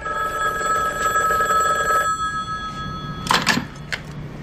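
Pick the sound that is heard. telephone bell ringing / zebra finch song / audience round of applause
telephone bell ringing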